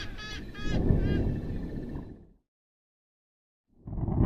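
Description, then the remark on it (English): A few loud, nasal honking calls from a trumpeter hornbill in a tropical region as the rainy season begins ring out in quick succession over a rough, rumbling background, which fades to a brief silence before the noise swells again. “On the other hand, the African harrier hawk and the trumpeter hornbill appear to fear the storms, which can be extremely fierce in these tropical regions.”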